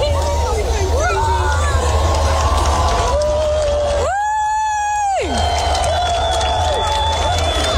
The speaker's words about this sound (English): So this is a video when the sun just kind of first comes up beyond the horizon. This is them clapping when the sun comes up.